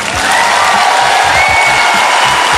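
A stand-up comedy audience at a Finesse Mitchell set claps and cheers loudly, clapping if they still have a living family member aged 80, a dense, steady wash of applause with whoops and shouts rising over it, sustained without a break.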